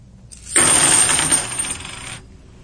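A handful of 50 90% silver half-dollar coins is dropped onto a tabletop, a bright jangling cascade of metallic clinks lasting under two seconds as they strike the table and each other, fairly loud.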